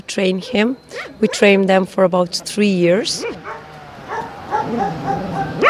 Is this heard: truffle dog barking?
yes